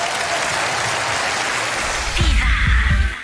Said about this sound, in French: Fabien Lecastel, mesdames et messieurs, applaudis très fort.